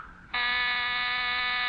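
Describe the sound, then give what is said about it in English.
A harsh electric door buzzer kicks in abruptly and holds a steady, loud, continuous drone as someone is at the door, with no voices over it. “Someone's at the door.”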